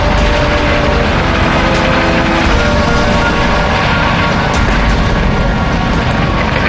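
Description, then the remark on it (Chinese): A loud, steady roar of a reconnaissance airplane's engine passing overhead at low altitude on an aerial search, droning continuously with a dense, rumbling texture and no voices. “参谋长，我命令你派出飞机进行空中侦察，加多飞行次数，降低飞行高度，仔细搜索。”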